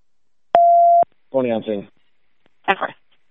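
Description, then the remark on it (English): A loud, steady dispatch radio alert tone sounds once for about half a second, followed by short bursts of clipped radio voice transmission. “You could stop the tones.”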